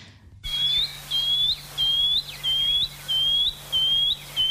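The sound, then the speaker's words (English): A shining cuckoo sings a steady series of seven high, rising whistled notes, evenly spaced and fairly clear, over a faint low hum with no voices. “So that's the shining cuckoo.”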